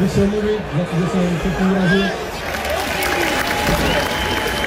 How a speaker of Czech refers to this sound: Sklidil nakonec Jurásek od příznivců Sparty potlesk